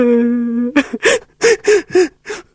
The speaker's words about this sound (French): Il y en a un qui pleure dans le coin.